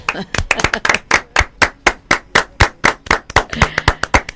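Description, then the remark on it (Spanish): Applause for a family, requested by a speaker on a program: hands clap together in a steady, rhythmic beat of loud, sharp claps that keeps going without a break, with a few quicker overlapping claps at the start. “Yo personalmente voy a pedirles un aplauso por esta familia preciosa de ella.”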